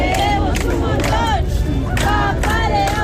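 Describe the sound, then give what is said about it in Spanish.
A dense crowd cheers and shouts steadily outdoors outside the Embassy of the Holy See in Madrid, waiting for Pope Leo XIV, with rising whistles and raised voices calling "Papa León!" layered over a constant roar of babble. “Fuera, todavía hay quienes esperan con paciencia para ver de nuevo a León XIV cuando salga de la Embajada de la Santa Sede en Madrid.”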